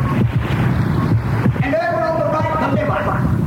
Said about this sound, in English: Here on the left, the happy little kidney is busy flushing fluids. Just listen. It's music to the ear.